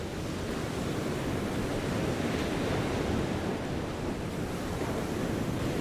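Steady, loud roar of surf washing onto a shore, a continuous dense rush of breaking water with no distinct pauses between waves, with no voices.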